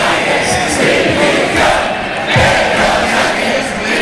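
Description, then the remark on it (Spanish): A large crowd shouts the rhythmic protest chant "Pedro Sánchez dimisión" while applause and cheering from people waiting for a concert blend in, forming a loud, continuous roar of voices and clapping throughout. “Bueno, como pueden escuchar, las voces de los gritos de Pedro Sánchez Dimisión se mezclaban con los aplausos de quienes estaban esperando para ver el concierto”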